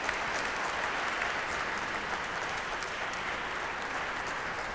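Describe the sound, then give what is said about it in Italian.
Steady, dense applause from an audience for the In Sacris choir from Sofia, Bulgaria, a continuous wash of many hands clapping at an even loudness throughout, with no voices standing out. “Un applauso al coro in Sacris da Sofia, Bulgaria, complimenti.”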